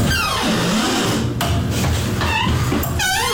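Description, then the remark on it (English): The women's bathroom door squeaks open loudly, heard from over 100 feet away, its hinge letting out several high, wavering squeals that slide up and down in pitch over a steady low rumble, with no one talking. “The women's bathroom door is so squeaky.”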